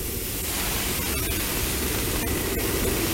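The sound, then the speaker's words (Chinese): Water is poured into a hot wok after sour long beans, pickled radish, hotpot base, bean paste, ginger and garlic were stir-fried, with a loud, steady hissing sizzle that fills the whole moment without letting up, a few faint crackles and no voices. “料头爆香之后加入适量的清水”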